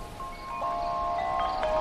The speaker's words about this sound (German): Das Flüstern des Meeres verschwand und es begann der angenehme Klang von Blättern, die vom Wind bewegt wurden. Man hörte auch den Gesang der Vögel.